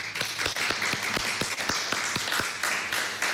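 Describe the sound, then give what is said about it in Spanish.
A crowd applauds steadily, many hands clapping at once in a dense, even patter of sharp claps that holds at a fairly loud level throughout, with no voices heard. “Un aplauso a los asistentes.”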